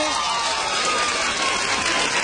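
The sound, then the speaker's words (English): A crowd claps steadily in response to a question put to the women in the audience, the dense patter of many hands at an even, fairly loud level, with a faint murmur of voices mixed in. “How many of you ladies would like to get paid to shop? Clap your hand.”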